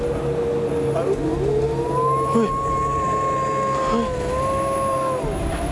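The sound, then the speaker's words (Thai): A dog howls in one long, wavering, high-pitched note that rises, holds and slides down over several seconds, with a steady low rumble of background noise underneath. “เฮ้ยพี่ทำเสียงหมาหอนทำไมเนี่ย ใครทำ เอ้า ไม่ได้ทำ แล้วมันหอนอะไรอ่ะ”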